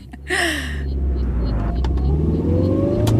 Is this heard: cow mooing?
no